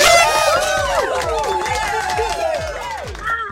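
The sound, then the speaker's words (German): A loud crowd cheers and whoops with many overlapping excited voices, sustained throughout, over a steady thumping bass beat. “Der Jubel war lauter.”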